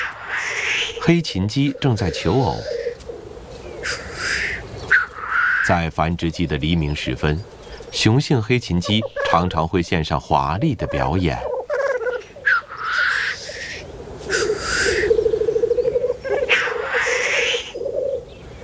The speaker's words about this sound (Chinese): 而在远山深处，同样上演着一场场精彩的表演。黑琴鸡正在求偶。在繁殖季的黎明时分，雄性黑琴鸡常常会献上华丽的表演。